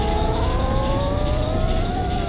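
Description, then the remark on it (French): Heavy ship engines of the Titanic roar at full power in its engine room on a dead-calm ocean, a loud, continuous drone, a deep rumble with a steady mechanical whine that rises slightly in pitch, unbroken throughout. “Dans la salle des machines, les moteurs fonctionnent à plein régime. Ça rugit comme un animal sauvage.”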